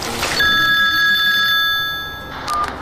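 A telephone rings with a bright, steady electronic tone, one long ring followed by the start of another, clear and fairly loud with no voices.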